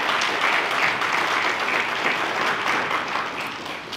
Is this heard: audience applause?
yes